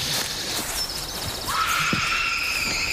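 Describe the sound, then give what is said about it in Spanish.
An eerie, high-pitched scream rings out, a thin wavering cry that rises and holds for a couple of seconds over faint background noise, with no one talking. “¿Habéis oído eso? Sí, parecía un grito, ¿no?”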